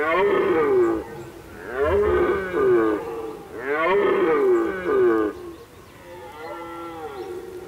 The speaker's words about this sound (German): Die Hirschbrunft im Duvenstädter Brook ist ein Spektakel, wenn man es denn noch so zu sehen bekommt. Das Rotwild ist störungsempfindlich und tritt kaum noch auf die traditionellen Brunftwiesen.